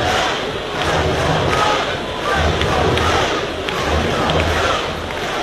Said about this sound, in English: Crowd grows up to a crescendo once again.